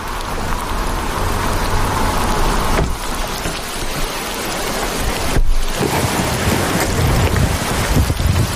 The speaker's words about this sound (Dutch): Als we de auto het gevangenisterrein oprijden, slaat de regenbui om in een wolkbreuk.